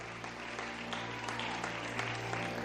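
An audience at a church service applauds for the Lord, many hands clapping in a dense, continuous patter with no voices rising above it, over a low sustained hum throughout.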